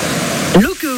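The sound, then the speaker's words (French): Steady rushing water of the Rivière d'Argent, coming from the lake of Huelgoat, falls several metres and winds between rocks in a chasm at the Devil's Grotto, a dense continuous wash of noise; halfway through, a man's voice begins speaking over it as the water keeps going underneath. “elle vient du lac de Huelguat et chute de plusieurs mètres, serpente ensuite entre les rochers.”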